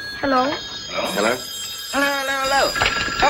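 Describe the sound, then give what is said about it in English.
A steady, high electronic telephone ring sounds throughout, with voiced, sliding vocal sounds layered over it in short bursts. “I'm on the phone.”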